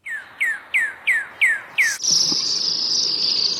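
A songbird sings six evenly spaced, clear whistled notes that each slide downward in pitch, then breaks into a loud, sustained high buzzing trill that continues to the end.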